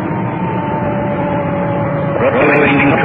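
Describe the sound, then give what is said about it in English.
A dispatched ambulance's siren wails loudly over a dense rumble of traffic, holding a steady tone before the pitch starts to bend and rise toward the end. “There's our siren. We just cut it in.”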